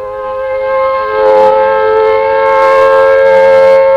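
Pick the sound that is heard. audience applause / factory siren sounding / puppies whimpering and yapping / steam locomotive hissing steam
factory siren sounding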